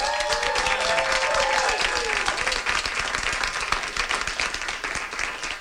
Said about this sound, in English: And there's a big audience here, too. Do you want to shout out for them once again? A round of applause.